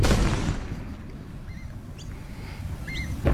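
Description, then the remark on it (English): Demolition explosions at the Liddell Power Station chimney stack site just outside Muswellbrook roll on as a deep, continuous rumbling boom, with a few faint bird chirps over the top and no voices. “The explosions there at the Liddell Power Station chimney stack site just outside of Muswellbrook.”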